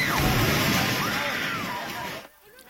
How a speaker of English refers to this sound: That reaction as the Templar sent a building tumbling and crumbling. It's not clear if anyone's trapped, and so far there are no other reports of injuries.